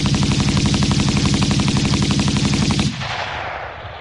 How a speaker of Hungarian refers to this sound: Állj vagy lövök! Ordította zihálva, és kibiztosította a fegyverét. Mikor a második felszólításra sem kapott választ, beleeresztette a tárat az árnyékba.